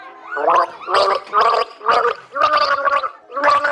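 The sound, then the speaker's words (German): Someone gargles the melody of the German children's song "Alle meine Entchen" in a guessing game, the bubbling water carrying a clear melody in a series of steady, separate sung notes with brief pauses between them. “Alle meine Entchen! Das war leicht.”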